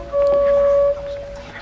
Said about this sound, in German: Mittags, als sie kamen, hat man die Hupe schon von fern gehört.